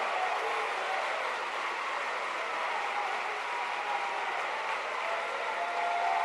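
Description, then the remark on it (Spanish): An audience applauds the Lord together, a dense, steady wash of many hands clapping that holds at an even level for several seconds with no one speaking. “¿Cuánto le damos un aplauso al Señor?”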